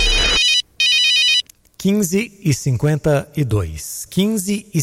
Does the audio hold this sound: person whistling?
no